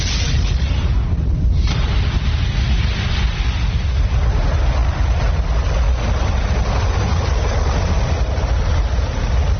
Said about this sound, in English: Ignition sequence start. 6, 5, 4, 3, 2, 1, 0. All engine running. We have a liftoff. Liftoff on Apollo 11.